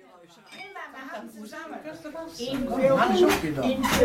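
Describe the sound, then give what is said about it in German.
Glasses clink together in a toast, a few bright chimes ringing out as voices talk and laugh around them, growing louder toward the end. “Prostchen. Prost.”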